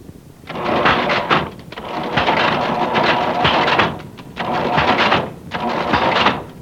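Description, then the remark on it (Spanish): An old cash register clatters and rattles in four or five loud mechanical bursts with brief pauses between them, its drawer rolling open with a grinding, metallic rumble, as a purchase of cigarettes is rung up. “Vale más que la mamá de mi mujer nos consiguió esta caja registradora vieja, mire.”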